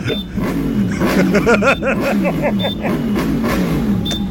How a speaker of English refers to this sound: Okay, you sound like you are in traffic. I am stuck in traffic. I'm pumping traffic on the M4.